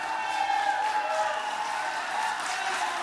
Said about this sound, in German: Er wird zu mehr als 33 Millionen Dollar Schadenersatz verurteilt, die er an die beiden Familien der Toten zahlen soll. Der Jubel im Gerichtssaal ist groß.